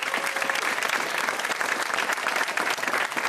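A crowd claps steadily, a dense, continuous patter of many hands that holds at an even loudness for a few seconds with no voices over it.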